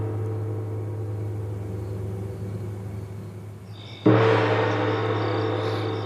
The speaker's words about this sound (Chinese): 这是在敲锣吗？ 大半夜的，怎么会有人敲锣呢？